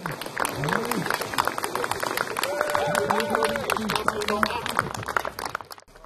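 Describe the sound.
A crowd at an open-water swim claps steadily and cheers as the first swimmer reaches the shore after 17 minutes and 40 seconds, with many excited voices calling out over dense, continuous applause that holds at a fairly even level for about six seconds before cutting off.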